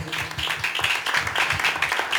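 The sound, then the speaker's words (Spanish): A church audience claps loudly for the Lord during a sermon, many overlapping claps forming a dense, sustained, steady wash with a faint rhythmic pulse underneath. “Denle palmas fuertes al Señor si está captando.”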